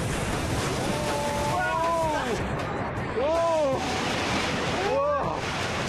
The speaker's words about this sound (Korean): 진짜 잠깐 한눈팔면 파도의 압도적인 힘에 속수무책입니다. 누구도 예외는 없습니다.